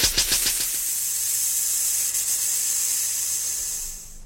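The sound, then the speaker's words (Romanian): Air hisses loudly out of a tyre punctured on both the outside and the inside, opening with a few quick sputtering bursts before settling into a steady, high, continuous rush that tapers slightly at the end. “Cauciucul e spart și pe din afară și pe dinăuntru.”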